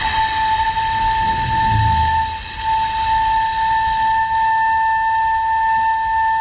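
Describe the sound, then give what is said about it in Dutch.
A 600-year-old recorder sounds one long, steady high note, airy and breathy, over a wash of hiss and some low rumble that eases off partway through; no one speaks. “Zo klinkt een 600 jaar oude blokfluit.”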